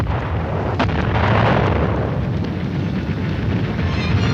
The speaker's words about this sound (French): Voici 3 ans, en effet, plus de 3 ans même, les premières explosions éclataient dans ce qui avait été le pays du matin calme.